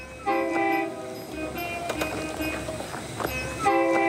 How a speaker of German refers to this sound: An die 4 Züge am Tag sind sie seit Generationen gewöhnt. Vierzig Jahre alte Dieseltriebwagen fahren auf einer fast dreimal so alten Meterspurstrecke.